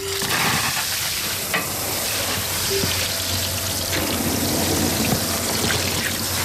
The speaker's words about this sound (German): Das macht Spaß. Blumen gießen hier im Gartencenter Döscher in Hagen im Bremischen. Welche sind das jetzt, die wir da gerade gießen? Rispenhortensien.